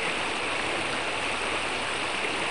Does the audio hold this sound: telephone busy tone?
no